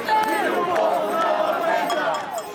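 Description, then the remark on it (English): A large crowd of protesters marching in Lisbon, Portugal, against high rents and low wages chatters and calls out together while shaking house keys that jingle and clink in scattered bursts, the metallic rattling mixed into the steady hubbub. “Shaking keys to homes they say they can barely afford, residents say the stress of paying rent has become unbearable as the cost of living goes up.”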